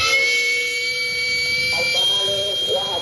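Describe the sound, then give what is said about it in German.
A sustained, shrill steam whistle from the steam outlet of a small, rumbling street-food handcart in Mexico City, in which food cooks over charcoal, blows at a steady high pitch throughout, with faint rumbling and low background noise beneath. “Der Dampfauslass eines kleinen, rumpelnden Bollerwagens, in dem das Streetfood über Holzkohle gart.”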